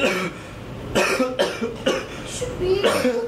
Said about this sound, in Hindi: तमीज नाम की चीज होती है ना, कब से खांसी आ रही है मुझे।